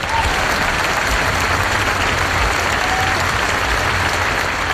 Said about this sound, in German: Grossen Applaus allen miteinander.